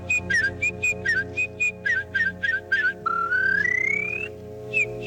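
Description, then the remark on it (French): A warbler sings a quick series of short, high chirping phrases in rhythmic bursts, then a longer rising whistled note, over a steady low hum with no talking. “Ah non, c'est la fauvette, monsieur.”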